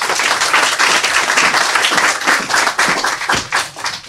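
A crowd applauds steadily, many hands clapping in a dense, bright patter that holds fairly loud for a few seconds before thinning into scattered individual claps near the end.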